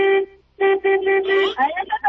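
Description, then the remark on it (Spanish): A police patrol car horn honking in reply: it honks once briefly, then sounds again in a longer run of steady, closely spaced blasts, with excited voices breaking in right afterward. “¡Ya le tocaron! ¡Sí, ya le contestaron!”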